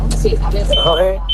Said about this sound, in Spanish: No, pero la alarma nos ha fastidiado un poco el audio. Se te escuchaba regulín.